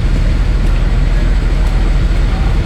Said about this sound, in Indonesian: truk yang lagi trouble setelahnya TL Plausan arah ke utara. Ini ada dokumentasinya. Coba kita dengarkan dulu. Truk yang lagi trouble atau mogok. Ini.